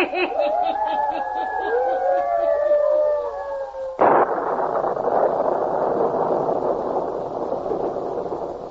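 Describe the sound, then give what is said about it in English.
Storm wind from a small electrical storm howls in wavering, gliding whistles over a steady rush, then a sudden loud burst gives way to a dense, roaring wash of wind noise that continues to the end. “Still storming. Will it never let up?”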